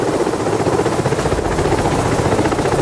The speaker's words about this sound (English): Well, as we go back towards Kathmandu, there's a helicopter right there. It's got dead bodies slung underneath it, is what we're told. The mortal remains of people who've lost their lives being taken by helicopter right up there to our side.